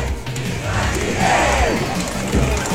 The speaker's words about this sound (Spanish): Llegar a lo que es la elipse del Parque O'Higgins, estaba en este Ford Galaxy, ha sido recibido con aplausos, con vítores por parte de la gente que está en este lugar, por parte de las diferentes autoridades políticas, como también del público